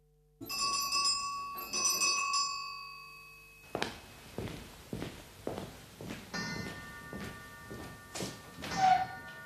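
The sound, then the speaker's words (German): A clock strikes twice, each ringing, metallic chime hanging and fading before the next, then gives way to a run of footsteps and soft thuds. “Die Uhr hat eben geschlagen.”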